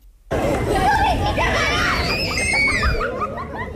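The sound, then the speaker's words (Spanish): Children playing and shouting outside a Radio Nacional de España studio after midnight on an August night, with high excited screams and overlapping chatter forming a lively, continuous hubbub. “¿Y esos niños jugando fuera del estudio?”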